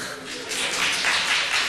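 A crowd breaks into applause, a dense wash of clapping that swells after a brief moment and holds steady and fairly loud for under two seconds.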